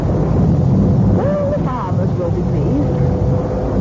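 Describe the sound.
A storm wind roars steadily and loudly throughout, around 10 o'clock at night, a deep continuous rumble, with a few brief whistling or voice-like tones rising and falling near the middle.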